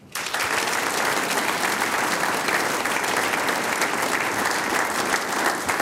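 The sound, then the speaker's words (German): Sustained audience applause for a band, a six-man band, a dense steady wash of many hands clapping at full volume for about six seconds, with no voices standing out above it. “Und die …, die sechs Herren, kriegen natürlich auch noch einen großen Applaus.”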